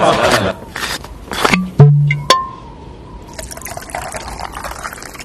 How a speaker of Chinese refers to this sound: 大家都跑了一天了啊，坐下歇歇，我去给大家倒水。